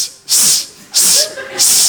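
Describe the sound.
A voice imitates the snake-like hissing sound a woman made while giving birth with the koala method, three times in quick succession, each a loud, sharp sustained hiss with short breaths between, and no words spoken.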